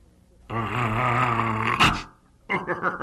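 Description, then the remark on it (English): A performer voicing Walter the Wolverine on the children's program Nature Corner imitates a wolverine with a loud, sustained growl lasting over a second, ending in a sharp huff, followed after a brief pause by another voice. “Did I scare you, kids? Hey, I'm Walter the Wolverine.”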